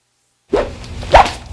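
A whip is swung and cracked twice after a moment of silence: a swishing lash, then a louder, sharper snap about half a second later, with no voices.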